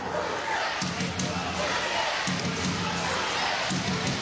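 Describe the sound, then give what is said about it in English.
A large crowd of Roosters and Knights rugby league fans gathers at the NRL Grand Final Fan Fest at Martin Place, Sydney, many voices overlapping in a steady, dense murmur, with occasional louder shouts and dull thumps rising from the busy din. “The crowd is building here at Martin Place.”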